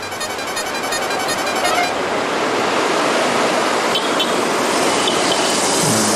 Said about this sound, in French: Première voiture qui passe, voiture du président de jury, la voiture neutre, la voiture médicale.